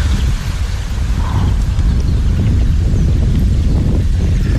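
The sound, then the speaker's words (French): Heavy wind buffets a microphone outdoors, a loud, continuous low rumble with gusty fluttering that fills the whole stretch, with no voices. “Non, bouge pas, il y a du vent.”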